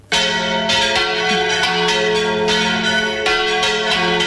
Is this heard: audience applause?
no